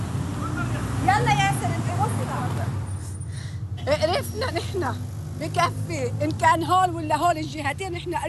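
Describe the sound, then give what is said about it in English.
Steady low rumble of slow, heavy traffic on a main highway leading from the south, choked with cars, trucks and some motorcycles, cars packed with people and bags, idling and creeping along beneath several people talking in the foreground. “This is one of the main highways leading from the south, and it's just choked with vehicles. Cars, trucks, some people on motorcycles.”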